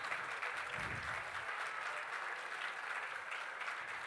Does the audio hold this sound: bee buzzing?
no